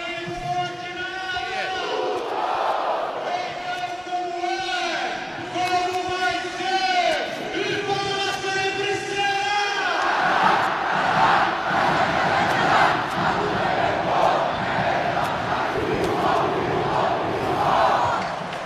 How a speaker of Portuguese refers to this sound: É o esporte vencendo e a torcida esperando o tradicional casa-casa. Vamos ouvir.